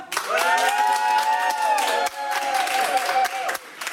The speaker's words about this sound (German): Schlussapplaus, wie viele sind noch da?